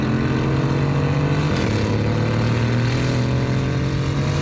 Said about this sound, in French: Et le troisième, c'est le mode track. Là, c'est très énervé. Oh, là, on entend bien le V8 biturbo rugir.